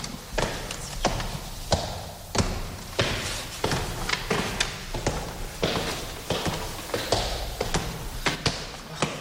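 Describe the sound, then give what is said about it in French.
The padded door marking the entrance to Frédéric Chopin's former bedroom in George Sand's house is opened and shut again and again, producing a steady series of dull, muffled thumps with some creaking and knocking in between. No one speaks. “Ça, c'est la porte capitonnée.”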